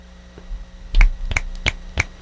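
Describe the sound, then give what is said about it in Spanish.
Four crisp finger snaps in a steady, even rhythm, each a sharp bright click over a faint low hum, with no talking; fingers are snapped instead of applause at a poetry reading, as clapping sounds too loud and harsh on the microphone. “Los aplausos se escuchan muy fuerte y estridentes en el micrófono, por eso chasqueo los dedos.”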